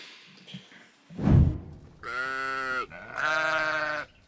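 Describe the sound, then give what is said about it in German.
Two loud, drawn-out sheep bleats, each lasting under a second with a wavering, nasal tone, preceded by a dull thump; no one speaks. The sheep have been kept there for one night; the weather has cooled off today and it has not rained. “So, die Schafe waren jetzt eine Nacht hier und ist ein bisschen abgekühlt heute.”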